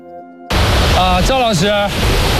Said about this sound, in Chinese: 喀纳斯河在河谷间弯曲绕行，两岸大都是悬崖峭壁，眼前是最佳渡河点，但此时用来渡河的石头桥已被河水淹没，无法渡河，冰川难以到达。